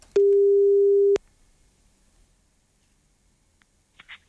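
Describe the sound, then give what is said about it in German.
A single loud, steady telephone ringing tone sounds for about a second while a call is placed to a person drawn by lot, then near silence follows with a couple of faint clicks and rustles. “Aber ich habe gelost und jetzt geht mein Bangen wieder los, ob ich denn auch diejenige oder denjenigen am Telefon erreichen kann.”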